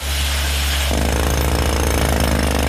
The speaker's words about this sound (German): An der Stützmauer und am Felsen unterhalb der Terrasse vom Restaurant Quahua wird gebohrt. Spezialisten von einer externen Baufirma seilen sich dafür von der Terrasse in die Wand ab. Ein Mann setzt der Bohrer an einem genau definierten Punkt an.